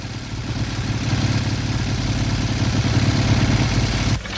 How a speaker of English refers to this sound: A policeman pulls up on a motorcycle.